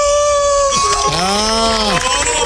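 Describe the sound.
A man imitates a wolf howl, a single loud vocal cry that starts as a steady tone, then swoops down and arcs up and back down in a long drawn-out wail.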